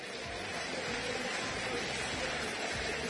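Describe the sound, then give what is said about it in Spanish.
Boca Juniors fans at La Bombonera stadium applaud the team as Boca and Central Córdoba leave the pitch on a cool night, a dense, steady wash of clapping that holds at an even level throughout, with no single voice standing out. “Los aplausos en la Bombonera para el Xeneiz.”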